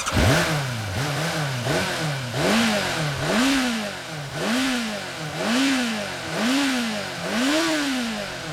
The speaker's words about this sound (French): Mais tout d'abord, écoutez bien mon engin, ok? Avant de partir, il faut vous assurer que votre moteur tourne bien, qu'il peut rugir comme un tigre féroce.